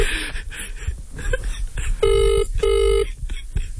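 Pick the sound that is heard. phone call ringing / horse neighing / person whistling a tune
phone call ringing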